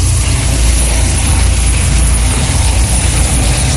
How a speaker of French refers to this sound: L'hélico du SAMU qui passe actuellement au niveau du tournant Z.